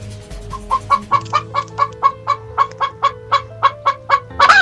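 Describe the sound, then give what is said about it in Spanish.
Chickens clucking in a steady, rapid series of about fifteen sharp calls, fairly loud, with no talking, ending in a brief burst of louder noise. “Pues mi queja es para estas gallinas que no dejan de cacaraquear, ya me tienen cansada.”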